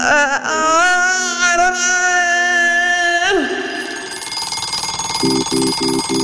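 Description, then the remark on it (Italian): A long, wavering whine that slides down gives way to a buzzy texture, then an alarm clock starts beeping loudly in quick, evenly spaced bursts. “La sveglia suona.”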